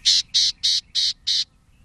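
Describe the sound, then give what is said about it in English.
Five buzzy, nasal gnatcatcher calls repeat in an even, quick series, each short and harsh, clear over a faint low background hum before trailing into quiet. “It takes time and effort to see all four of these gnatcatchers.”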